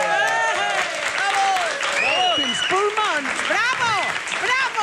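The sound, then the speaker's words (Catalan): Steady, dense applause from a large audience at a live show fills the whole stretch, loud, with many voices cheering and calling out over the clapping. “Gràcies, gràcies, gràcies pels seus aplaudiments, gràcies a tots.”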